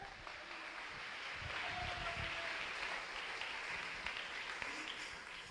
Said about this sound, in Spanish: Denle un aplauso.